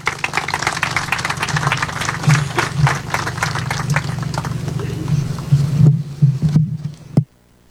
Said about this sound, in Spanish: Le recibimos con un gran aplauso.